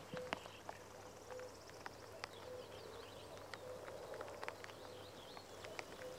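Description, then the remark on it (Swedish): A common cuckoo calls repeatedly in the morning, its soft, low two-note call recurring over a quiet outdoor background of faint birdsong and scattered small clicks, among flowering marsh marigolds and newly leafed birches. “Så att, och göken ropar där bakom dig så att nog känns det som maj i ljudbilden.”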